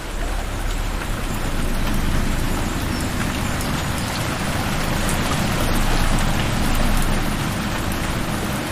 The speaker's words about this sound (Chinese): 这天，山谷中迎来一场大雨。河水随之上涨，整片森林仿佛都在趁机吐故纳新。